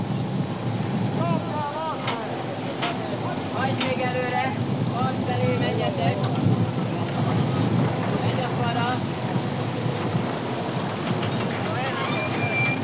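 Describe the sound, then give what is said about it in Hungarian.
Steady wind roars and buffets the microphone beside a boat on open water, blowing from the direction of the bridge while a diver suits up during a shipwreck salvage, with waves splashing and faint voices calling. “Mert a búvár elöltözködik, és a híd felől fúj a szél.”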